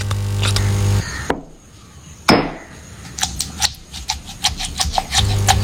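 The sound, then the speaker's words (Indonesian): A man grinds chili sambal for a family recipe with a stone mortar and pestle, using his wrist to grind rather than pound: a steady run of sharp, clacking stone knocks and gritty rubs after one heavier thud, over a low background hum. “Ulekan itu digerus pakai pergelangan, bukan dipukul kayak palu.”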